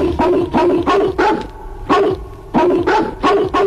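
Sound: hunting dogs barking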